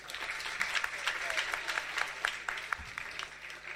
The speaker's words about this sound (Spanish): Esta noche estamos grabando. Estamos grabando. Un aplauso, por favor.